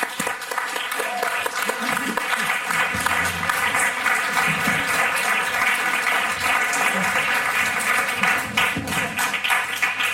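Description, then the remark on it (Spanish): A studio audience bursts into sustained, dense applause welcoming the writer and journalist Cristina Fallarás, many hands clapping steadily and loudly for about ten seconds with a faint murmur of voices beneath. “Recibamos con un fuerte aplauso a la escritora, periodista y cazavampiros, Cristina Fallarás.”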